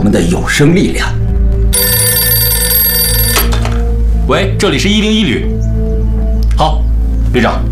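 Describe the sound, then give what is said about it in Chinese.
An old-style telephone bell rings in one loud, continuous burst of under two seconds at the 101st Brigade, a call for the brigade commander from the army commander, set between stretches of men talking over a steady low hum. “好，旅长，司令员电话。”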